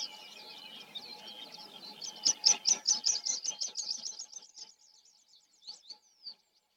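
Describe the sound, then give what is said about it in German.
A meadow pipit sings a high, thin series of rapid repeated notes that speed up, then trail off into a few scattered chirps, heard clearly over faint background hiss. “Benannt nach einem Vogel, der auch dort zu hören ist, wo man selten hinhört.”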